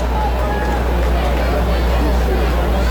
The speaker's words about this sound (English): And a very loud Bronx cheer out of this crowd, which one-run game is a choice.